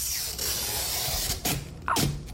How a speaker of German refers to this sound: Ja, das ist doch mal schön ASMR für die Ohren. Heute passiert am U-Bahnhof Dollendorfplatz, der Station, bei denen sich die meisten Linien kreuzen, ist was richtig Cooles enthüllt worden. Der Sticker wurde abgezogen.